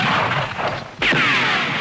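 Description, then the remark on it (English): A sharp, loud gunshot effect on a Batman record, as Batman is shot, bursts out of a dense, noisy background, followed by a high whining tone that slides downward as the blast rings out. “Bang, bang! He shot me down.”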